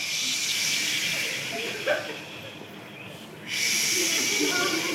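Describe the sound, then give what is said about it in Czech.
A group of people imitate the sea with a steady, breathy shushing hiss that swells and fades like waves, dipping briefly before surging back loud and full. “Jdeme, moře, 3, 2, 1, teď!”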